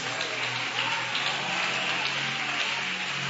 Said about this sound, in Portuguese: Levanta a mão, bate as palmas e glorifica Deus.